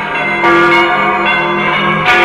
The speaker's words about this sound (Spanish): Así que cuando John Donne, escritor y decano de la Catedral de San Pablo, estaba desesperadamente enfermo con la plaga que estaba matando a miles de personas en Londres, escuchó las campanas anunciar muerte tras muerte.